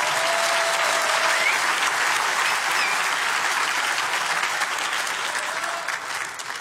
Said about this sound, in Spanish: Yo creo que tú le puedes dar un mejor aplauso a Jesús.